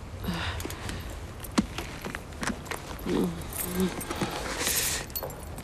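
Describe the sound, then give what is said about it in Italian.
Car keys jangle as they are handed over in a series of short, bright metallic rattles spread across a few seconds, with a brief murmur of a voice partway through and soft background noise. “Mi dia le chiavi, l'accompagno io, mi crede?”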